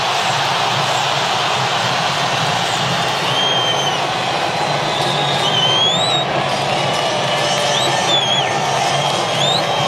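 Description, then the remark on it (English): A large football stadium crowd at a Colombia versus DR Congo match murmurs and roars in a steady, dense wash throughout, with scattered shrill whistles rising above the din at intervals. “now he's trying to get the crowd back into it. Who have gone into a bit of a lull.”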